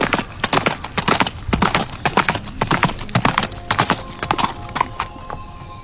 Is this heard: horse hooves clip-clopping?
yes